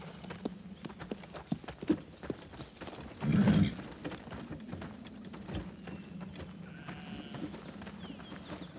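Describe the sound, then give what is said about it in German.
Horse hooves clip-clop in a steady, uneven rhythm of sharp knocks, with a brief louder burst partway through over a low rumbling background; no one speaks. “Schönes Pferd.”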